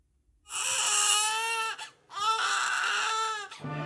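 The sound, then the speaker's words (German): A newborn baby cries in two long, loud wails, each a high, strained cry with a brief gasp between them, and no talking over it. “Der erste Schrei, das erste Lächeln.”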